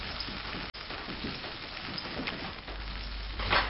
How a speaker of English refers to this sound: Next, she fries some capers until they turn crisp. I'm frying the capers so they open up like little flour and become crunchy.